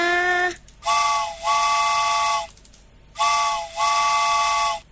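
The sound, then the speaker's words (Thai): A steam train whistle sounds in long, loud blasts as the train departs: a short opening toot, then two paired sustained chords, each pair a dip-and-hold pattern, with breathy steam hiss around them. “เอาล่ะรถไฟออกก่อนนะ”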